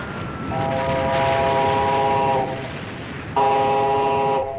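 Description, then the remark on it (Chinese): A train horn blows two long, loud blasts, the second starting after a short break, over a steady rumble of a train rolling slowly into a small railway station on the outskirts of Shanghai. “一个月后，上海郊外一个小火车站的月台上，齐长鹏和萧啸天在等待着”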